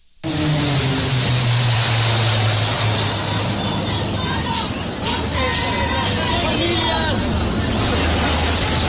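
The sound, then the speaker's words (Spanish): A low, steady engine drone from Mexican Air Force aircraft passing overhead rumbles beneath a dense, loud crowd roar of goal shouts and cheering that fills the whole stretch from start to finish. “los gritos de gol y los aviones de la Fuerza Aérea Mexicana daban un espectáculo con los colores de la bandera”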